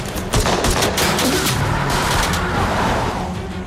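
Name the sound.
pistol gunshots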